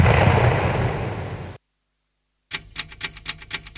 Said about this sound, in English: This is a musical explosion.